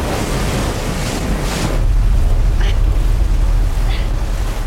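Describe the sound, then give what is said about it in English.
Loud, churning water roars steadily throughout, a dense rushing wash with a heavy low rumble and gusty, wind-like noise, beneath a hub spinning at high speed from which people cling to avoid being thrown into the water. No one speaks. “The cornucopia hub starts to spin at high speed, and the tributes cling on desperately to avoid being thrown off into the churning water.”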